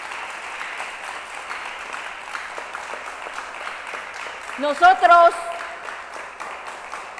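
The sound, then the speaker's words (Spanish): A Christian audience claps hands to the Lord steadily throughout, a dense wash of many applauding hands, while a man's voice briefly speaks loudly over the clapping near the end. “Si hay cristianos acá, démosle palmas al Señor. Dele palmas.”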